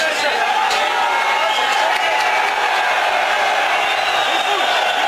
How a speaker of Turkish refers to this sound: Tezahüratlar yapan taraftarlar havalimanında izdiham oluşturdu. Mason Greenwood taraftarların tezahüratına eşlik etti.